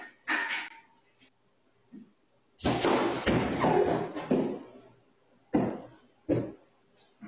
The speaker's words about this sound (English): the Yaws checked their security cameras and discovered that a deer had run into the glass